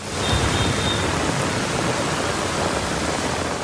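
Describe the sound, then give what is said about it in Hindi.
Steady, dense hiss of pre-monsoon rain in India pours down without pause, a broad wash of noise holding the same loudness throughout, with no voices or other distinct sounds. “जम्मू कश्मीर, हिमाचल, दिल्ली, पंजाब, हरियाणा और UP में pre monsoon बारिश लगातार देखने को मिल रही है, जो गर्मी से बेहाल लोगों के लिए राहत बनकर आई है।”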